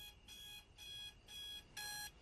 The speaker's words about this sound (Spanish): Su despertador dice 3 a.m. y ella lo apaga con un golpe.